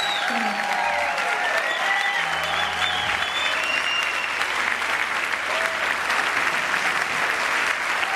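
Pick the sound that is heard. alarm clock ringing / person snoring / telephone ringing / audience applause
audience applause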